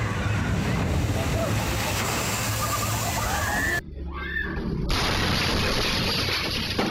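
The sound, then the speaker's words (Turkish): A big wave from a water slide crashes and splashes loudly over people, a dense roar of rushing water that fills the whole stretch, briefly dropping away for a moment before surging back just as strong. “Su kaydıra koca bir dalgaya yol açtı. Herkesi suya buladı.”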